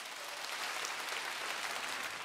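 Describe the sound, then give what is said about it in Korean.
Dense, steady applause from a crowd introducing a Korean traditional music performance of Kkaekki Pungnyu and Gyeonggi Sinawi, a continuous wash of many hands clapping at an even loudness throughout, with no voices standing out. “얼씨구 큰 박수 부탁드립니다.”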